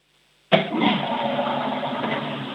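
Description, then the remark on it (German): After a half-second of silence, a toilet flush bursts in loudly and keeps roaring with a steady, rushing gush of water through to the end, with no voices. “Oh ja, ihr habt eine laute Klospülung.”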